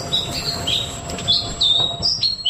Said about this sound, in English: That is the song, the bird song of the Black Robin, which has been named Bird of the Year for the first time, which is very special. The bird is actually found in lowland coastal forests in the Chatham Islands